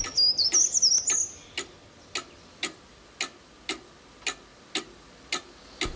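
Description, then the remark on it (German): A cuckoo clock ticks in a steady, even rhythm, about two crisp ticks per second, clear, with a brief high chirping whistle over the first second and no voices. “Zur gleichen Zeit in der Kuckucksuhr.”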